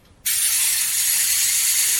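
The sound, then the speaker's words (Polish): A wound-up mechanical camera self-timer, fully mechanical with no batteries, kicks in abruptly after a brief silence, giving off a steady, high, buzzing ratchet whirr that holds at an even loudness to the end, with no voices; it is set to take the photo automatically after 10 seconds. “No, możesz ciż wykorzystywać samowyzwalacz.”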